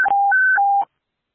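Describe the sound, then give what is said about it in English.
Fire station dispatch alert tones alerting York County Station 57 to an automatic alarm: steady electronic beeps alternating between a lower and a higher pitch, low-high-low, loud and alone for under a second before cutting off. “601-1, York County Station 57 being alerted.”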